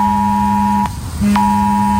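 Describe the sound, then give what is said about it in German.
A loud, harsh electronic alert tone blares steadily, breaks off briefly with a click, then resumes just as shrill, like a mobile phone emergency warning, during a scheduled 11 a.m. test of the war and disaster alarm systems. No one speaks. “Schrillende Handys und heulende Sirenen, darauf solltet ihr euch heute Vormittag einstellen.”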